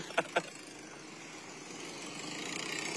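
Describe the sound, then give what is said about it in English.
Old truck engines idle in a parade with a steady, rough rumble, opening with two quick sharp pops before the continuous engine noise carries on. “Looks like old, those old trucks.”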